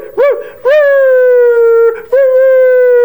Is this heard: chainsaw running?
no